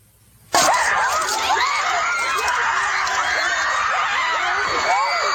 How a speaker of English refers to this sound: Howling for blood, screaming in hatred.